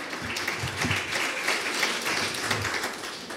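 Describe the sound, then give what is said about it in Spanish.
A crowd applauds the singers steadily, a dense wash of many hands clapping at once that stays loud and even throughout, with no voices standing out. “Allá fuertes aplausos que los cantores, tiempo que sigue.”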